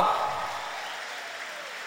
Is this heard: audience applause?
yes